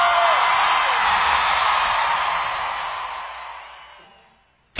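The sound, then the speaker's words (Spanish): Loud applause and cheering from a large audience, a dense wash of clapping with a few whoops, fading out gradually over several seconds before a brief silence and a sharp cut. “Un aplauso muy fuerte para esta evidencia, la música.”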